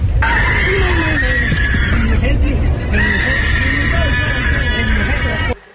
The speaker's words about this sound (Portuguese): Em novas imagens que você vê na tela, gravadas por uma passageira, é possível ouvir gritos de pânico a bordo do avião. Olha só.